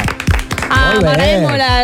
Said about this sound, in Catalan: Has vist que no ho hem dit, que avui estrenem l'Estudi 3 de Catalunya Ràdio. Un aplaudiment per l'Estudi 3. Molt bé.